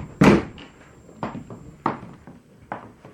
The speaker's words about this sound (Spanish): Y ahora cierra la puerta.